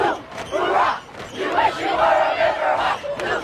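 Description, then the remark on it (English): A large crowd roars and shouts wildly, a dense, sustained wall of voices with swelling bursts of yelling, loud throughout, at a Friday night high school football game between the Wasatch Wasps and Deer Creek Riverhawks on Deer Creek's turf in Heber. “The crowd went wild.”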